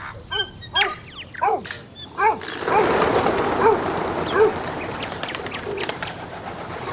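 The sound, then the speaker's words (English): Several birds call with short, repeated chirps and whistles over the first few seconds, followed by a rustling, fluttering burst and softer scattered calls continuing in the background. “Those are bird sounds. I can hear the manu, the birds.”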